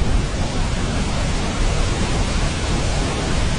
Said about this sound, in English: Brown noise to me is more... the closest thing to it is when you're inside in an airplane and you're in flight already. And it's that kind of... it's the air.